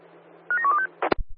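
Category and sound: signal or alarm, telephone keypad dialing tones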